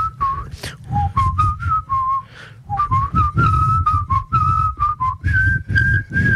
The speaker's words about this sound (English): Someone whistled the first phrase to Bella Chow while we were all meant to be quiet on the ground.